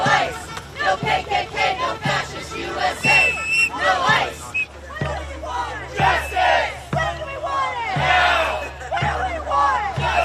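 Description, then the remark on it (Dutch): Hundreds of people chant in loud, rhythmic bursts at a demonstration against the presence of the immigration agency ICE in Biddeford, Maine, USA, many voices shouting together in a repeated cadence with brief pauses between phrases, and scattered yells rising over the chorus. “In de Amerikaanse plaats Biddeford in de staat Maine hebben honderden mensen gedemonstreerd tegen de aanwezigheid van immigratiedienst ICE.”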